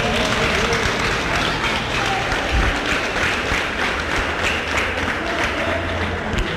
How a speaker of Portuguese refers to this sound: Pode bater palmas.